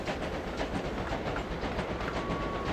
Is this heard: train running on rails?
yes